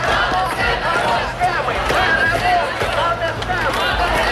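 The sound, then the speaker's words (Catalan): Thousands of Ukrainian protesters shout and chant together in the streets of Kyiv and other cities against the dismissal of the country's defence minister, a steady roar of many overlapping voices with no pauses, loud throughout. “Són els crits de milers d'ucraïnesos que protestaven per la destitució del ministre de Defensa del país”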